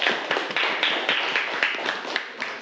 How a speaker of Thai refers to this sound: ครับปรบมือให้กับเพื่อนด้วยครับ